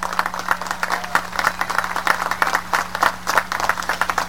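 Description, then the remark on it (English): A crowd applauds the academy's entire faculty and staff steadily for several seconds, a dense, continuous patter of many hands clapping with no voices on top, and a low steady hum underneath. “So let's give a big round of applause to the entire faculty and staff that made this possible.”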